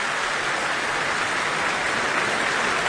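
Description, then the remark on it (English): A large crowd applauding with feet stamping on the floor after an orchestral concert performance, in a dense, steady roar of clapping that holds at an even level throughout, with no voices heard. “The applause continues, the stamping of the feet on the floor.”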